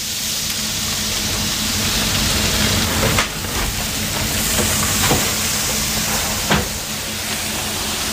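Chicken mince sizzles steadily in a hot frying pan, a loud, even hiss with occasional sharper crackles and pops. No one speaks.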